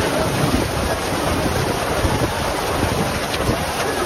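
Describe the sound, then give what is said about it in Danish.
A storm of strong wind and heavy rain at the Tønder Festival grounds, which forced the cancellation of the closing concert on the Open Air stage, roars steadily and loudly throughout, a dense, unbroken rush with gusts buffeting the microphone and no voices. “Store mængder regn og blæst fik i aftes Tønderfestivalen til at aflyse sin afslutningskoncert på Open Air-scenen.”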